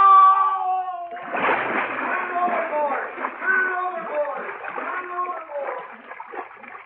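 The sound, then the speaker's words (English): A loud splash as a man falls into water after a brief shout, followed by several seconds of churning, sloshing water with his voice crying out over it. “Help! I fell in! Help me!”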